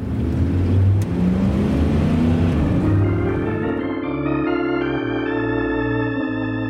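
The engine of a stolen car roars, a rough rumble at first that settles into a steady, droning rev as the car pulls away. No one speaks.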